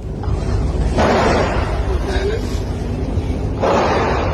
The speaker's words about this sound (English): What had started as an ordinary school day turned into a terrifying ordeal for these students, filming themselves as they hid under their desks, listening to the gunshots.